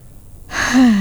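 A deep breath drawn in, starting after a brief quiet moment and swelling into a breathy, slightly voiced rush of air. No one speaks.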